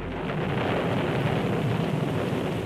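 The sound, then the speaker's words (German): Heavy, steady rain pours down with a deep low rumble underneath, like thunder rolling through a storm. Loud and continuous, with no voices. “Und was jetzt hier regnet, wird im Hohen Venn nicht helfen.”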